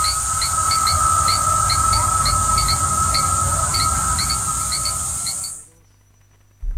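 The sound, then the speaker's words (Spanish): A cicada's continuous high, shrill buzz runs under regularly repeating cricket chirps, over a low steady rumble, before the chorus cuts off abruptly near the end. “Bueno, pues nada, 13:49, dejamos a la cigarra y a los grillos y nos vamos con el tráfico.”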